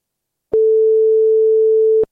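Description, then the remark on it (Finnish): A single steady telephone ringing tone hums for about a second and a half, loud and clear with soft clicks at its start and end, and no voices, as a call is placed to a quiz winner. “Kokeillaan soittaa meidän voittajalle.”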